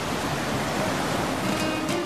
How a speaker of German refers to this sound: Ich hoffe, ich erzeuge damit bunte Bilder im Kopf, wenn ich euch erzähle, dass ich auf einem schönen Boot sitze, in das blaue Meer schaue, im Hintergrund das Rauschen des Meeres zu hören ist.